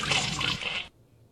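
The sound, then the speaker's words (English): A toilet flushes in a short, loud burst of rushing water that cuts off abruptly after less than a second, leaving near silence. No one speaks. “You flush it and move on. Flush it and move on.”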